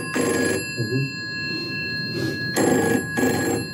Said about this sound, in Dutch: Ja, de telefoon. Alexander Graham Bell die vraagt er patent op aan in 1876.